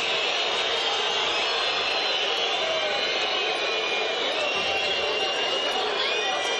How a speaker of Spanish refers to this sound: Silbatina generalizada. Los jugadores de Independiente se quieren ir lo más rápido posible. Silbatina para este bravo momento de Independiente, que perdió 4-1 con el Instituto.